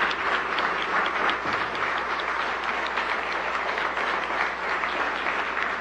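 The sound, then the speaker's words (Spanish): Steady applause from an audience at a broadcast celebration, a dense wash of many hands clapping at an even, fairly loud level for several seconds without letting up. “Así que, por favor, un aplauso que les llegue a todas y todos en todo Iberoamérica.”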